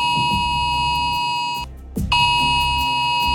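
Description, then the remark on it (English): A loud, harsh mobile phone emergency alert alarm, sent by the UK emergency alert system to millions of phones across England and Wales warning of a very high risk of wildfires, blares in a steady, buzzing electronic tone, cuts out for a brief moment, then resumes just as loud. “Millions of mobile phones across England and Wales sounded an emergency alarm last night, warning of a very high risk of wildfires.”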